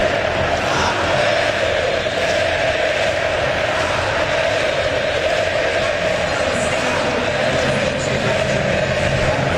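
A large stadium crowd of Cruzeiro football fans chants the name of player Wesley in a steady, loud, continuous roar that holds at the same level throughout, with no pauses or talking over it.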